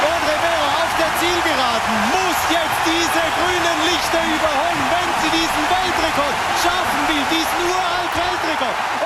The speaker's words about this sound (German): aber sie stellte einen neuen Schweizer Rekord auf und gewann vor Schweizer Publikum, das hörbar begeistert war vom Lauf der Freiburgerin.